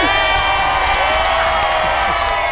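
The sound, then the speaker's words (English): A big crowd cheers loudly and steadily, a dense roar of many voices with scattered whoops and shouts rising out of it, sustained throughout without a pause. “I was waiting for a big cheer at the end.”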